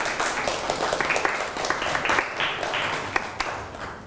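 A group of people applauds group 2 after its presentation, a dense, steady patter of many hands clapping for about four seconds with a few sharper claps standing out. No one speaks.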